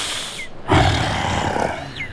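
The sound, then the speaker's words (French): A loud sabre-toothed tiger roar bursts in suddenly and rumbles on for about a second before tapering off, with a couple of faint bird chirps in the background. “Le tigre à dents de sabre ne peut pas courir très longtemps à cause de sa masse trop imposante, mais surtout parce qu'il a une queue courte.”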